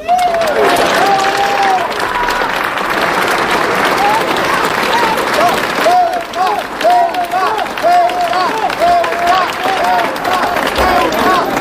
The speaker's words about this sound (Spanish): manifiesto junto con los gritos, aplausos de los asistentes a este acto.